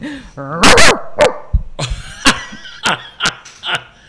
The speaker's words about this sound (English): Oh, may aso dito. Sino nagpapasok?